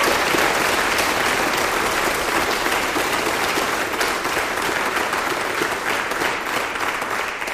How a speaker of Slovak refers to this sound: Môžete zostať, pretože máte presne toľko alebo menej, ako má zbor, ktorému patrí veľký potlesk. Je to jubilujúci detský a dievčenský zbor Slovenského rozhlasu. To sú oni.